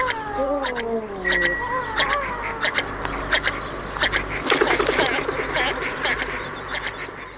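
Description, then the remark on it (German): A bird calls repeatedly, mixing drawn-out harmonic notes that slide downward with sharp, clipped squawks and a burst of busy chatter midway, loud over a steady low rumble. “Vogel der Woche.”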